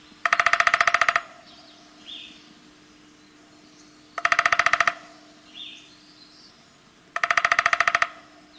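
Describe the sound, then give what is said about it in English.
Three short, rapid drum rolls of a downy woodpecker hammering on wood, each about a second long and evenly spaced, with faint bird chirps in between and no talking. “More likely, you'll hear the drumming of the downy.”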